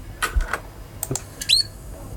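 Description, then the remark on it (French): A few short, sharp simple calls of a female bird, brief clicky notes followed by a high, quick upward-sweeping chirp, spaced irregularly with no one talking. “Ça, vous avez des cris simples.”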